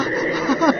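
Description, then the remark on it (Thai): A brief burst of frog croaking, raspy and pulsing, with a slightly louder rise of calls near the end. It stands alone, with no talking. “เฮ้ยนั่นเสียงกบร้องนี่นะ”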